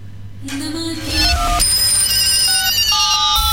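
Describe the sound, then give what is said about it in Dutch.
A telephone rings with bright electronic tones, a string of steady beeping notes that step up and down in pitch and pile up over a low hum, loud and without any talking. “Adverteer nu bij Fahon Hindustani Radio en bel met de afdeling sales.”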